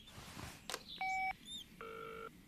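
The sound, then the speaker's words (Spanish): A short burst of telephone dialing as Wendy calls Bob: a steady keypad tone, a few quick chirping beeps, then a longer buzzing electronic ring tone; the call goes unanswered. Faint background noise, no voices. “No contesta. Creo que también debió olvidar su teléfono.”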